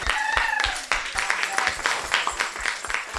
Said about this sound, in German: Es war so eine tolle Klasse. Wirklich. Applaus für euch.